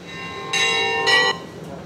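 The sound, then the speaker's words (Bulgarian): Church bells peal out joyfully at the consecration of a new Orthodox church in the village of Glavatsi, Vratsa region, Bulgaria, welcoming the Bulgarian patriarch: two bright clanging strikes about half a second apart over a steady, lingering hum of ringing overtones, loud with no voices. “Негово светейшество беше посрещнат с радостен звън на камбани.”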